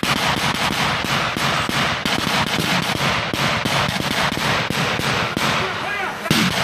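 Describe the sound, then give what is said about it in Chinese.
Dense, rapid gunfire crackles almost nonstop during a military team's march through a jungle after rain, sharp loud bursts overlapping in fast irregular volleys, with a steady high-pitched whine running underneath. “一段非常密集的枪声”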